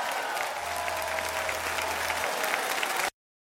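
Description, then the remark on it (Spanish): A crowd claps steadily in a dense, continuous burst of applause that holds at an even, loud level for about three seconds, then cuts off abruptly into silence. “aplaude lo que Dios ha hecho en tu vida.”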